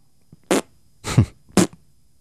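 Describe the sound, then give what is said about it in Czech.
Three short, loud farting bursts in quick succession, each a brassy, buzzy blast with a brief pause between, the middle one slightly longer and rougher. No talking. “Ty prdíš jako papardele.”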